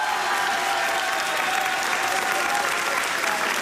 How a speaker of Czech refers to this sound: Po 18. máte šanci poslouchat pořad Rozhlas jede za vámi a takhle vám tleská kulturní dům Blaník ve Vlašimi.